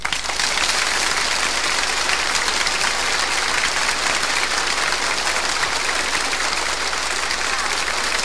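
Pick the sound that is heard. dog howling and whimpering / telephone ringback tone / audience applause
audience applause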